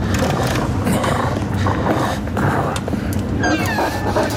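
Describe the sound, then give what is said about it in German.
A large wolf growls in a low, continuous, loud rumble, holding steady for several seconds with no one speaking. “Wolf.”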